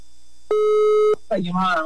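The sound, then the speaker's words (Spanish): A single steady electronic ringback tone from an outgoing phone call placed by a radio host to a listener sounds for just over half a second, loud and clear, then cuts off as a person begins talking. “A ver, ¿suena? Está sonando.”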